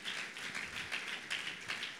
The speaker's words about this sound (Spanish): Dale un fuerte aplauso. Aplaudilo, porque para Él es toda la gloria y la honra.